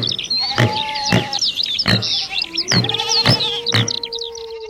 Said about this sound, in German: Hast du alle Tiere erkannt? Genau, das waren Vögel, Ziegen, Wildschweine und ein Wolf.